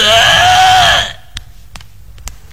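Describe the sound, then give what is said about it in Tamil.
A female voice imitates vomiting with one loud, strained, wavering retch lasting about a second, then falls quiet except for a few faint clicks. “சரி, வாந்தி எடுக்கிற மாதிரி சவுண்ட் போடுறா.”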